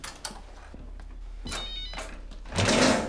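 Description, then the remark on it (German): A mobile phone rings in short, bright bursts over a low steady hum, with the ringtone swelling louder and fuller toward the end. “Das ist mein Handy.”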